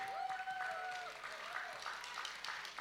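Steady audience applause fills the whole stretch, a dense, even patter of many hands, with a thin sustained whistle-like tone riding over it early on.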